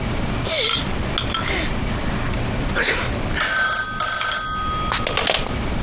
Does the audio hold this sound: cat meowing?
no